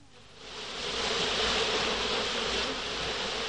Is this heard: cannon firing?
no